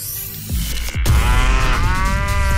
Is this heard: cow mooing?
yes